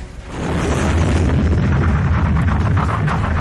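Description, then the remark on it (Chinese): Heavy artillery bombardment of Soviet heavy guns shelling German positions at night, with explosions rolling one into another, a loud continuous rumble of booms and blasts that swells in the first half second and stays thunderous throughout, with no voices. “在德军阵地上，重炮轰击声、爆炸声此起彼伏，震耳欲聋。”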